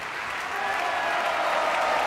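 An opera audience at the Vienna State Opera applauds Asmik Gregorian steadily at the end of a live opera evening broadcast, a dense wash of many hands clapping that holds a constant level and swells slightly louder partway through, with no voices standing out.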